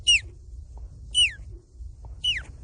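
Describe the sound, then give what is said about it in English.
A 12-year-old boy imitates an osprey's call: three sharp, high whistled chirps that each slide downward, spaced about a second apart, clear over a faint low background rumble. “Last, the osprey.”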